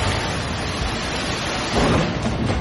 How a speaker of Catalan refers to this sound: Amb aquests trons que també van afectar, en aquest cas, a Sitges i moltes zones del país, unes pluges que van provocar també i fortes afectacions al Prat.